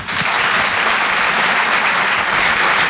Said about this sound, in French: Je vous demande de l'encourager très très fort. Je vous demande d'applaudir